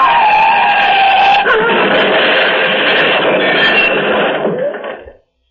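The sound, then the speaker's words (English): A loud screech of skidding tires as an out-of-control car that jumped the divider gives way to a sustained, grinding crash of crunching metal as it rams head on into a cylindrical bridge support, fading out abruptly after about five seconds. “The car is crushed against one of the cylindrical bridge supports, rammed against it head on.”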